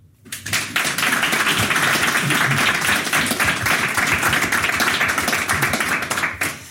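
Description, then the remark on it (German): An audience applauds steadily for several seconds at a live broadcast from the Solothurn Literaturtage in the Cantina del Vino, a small wine bar on the Aare, a dense wash of many hands clapping, rising quickly and holding loud before tapering at the end. “Der Applaus gilt natürlich nicht nur für mich und nicht nur für Sie, sondern auch für meine Gäste, die hier gerade neben mir sitzen.”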